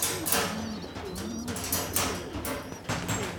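Several pigeons coo in overlapping, throaty low murmurs as they are being fed, a steady bubbling chorus with faint higher chirps and rustling mixed in, no one speaking.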